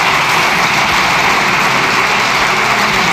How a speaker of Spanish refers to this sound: No es que estén aplaudiendo a Francina Armengol, porque puede, o sea, muchas gracias, siguen aplaudiendo. No gracias, es a ella, es el Grupo Popular aplaudiendo a Núñez Feijóo.